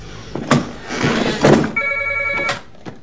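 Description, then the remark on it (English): A telephone rings once at home in a short, bright electronic trill as an incoming call arrives, preceded by a couple of dull thumps and handling noises. No one speaks. “Vincent's asleep at home when Maggie rings.”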